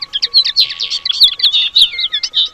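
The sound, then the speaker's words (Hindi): Several small birds chirp rapidly and continuously while eating grain, their high, bright tweets overlapping in a busy chorus with no pauses and no voices present. “चिड़ियों को दाना खाते देखकर कहा, हाँ, मैं भी चिड़िया बन जाती तो ठीक था।”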